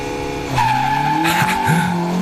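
A rallycross car roars loudly as it launches from the start of a race, its engine whining at a high, strained pitch with bursts of tire squeal and gravel noise.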